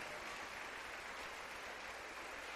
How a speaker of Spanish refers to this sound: Démosle un aplauso al Señor, Dios de los cielos.